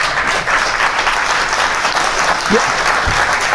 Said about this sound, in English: That applause took a minute. Some of them are like, no way, no way.